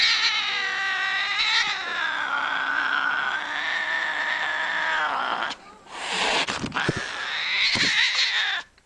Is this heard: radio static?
no